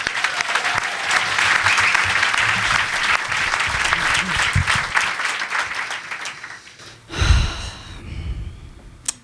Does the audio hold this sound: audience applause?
yes